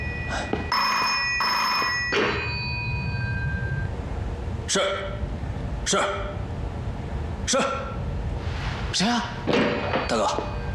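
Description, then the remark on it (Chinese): An old-style telephone bell rings in two quick metallic bursts near the start, followed by a series of dull thumps and clatters over a low, rumbling background. “接电话去。”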